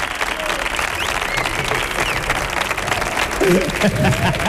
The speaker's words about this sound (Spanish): Fuerte otro aplauso